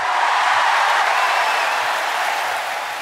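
Thunderous applause from a concert audience: a dense, unbroken roar of many hands clapping, holding steady and loud for the whole stretch before easing slightly at the end. No one speaks.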